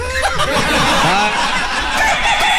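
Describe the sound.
A hoarse, raspy rooster crow imitated by a human voice, a DJ dressed up as Gallo Claudio, with wavering pitch and a cackling, laughing quality across a couple of seconds.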